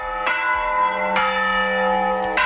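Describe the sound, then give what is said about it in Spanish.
Large church bells rung by hand ring out in three broad strikes, each blooming into a rich, lingering hum of overtones that overlaps the next, loud with no voices. “Hablamos del toque manual de campanas, declarado por la UNESCO en 2022 como Patrimonio Cultural Inmaterial de la Humanidad.”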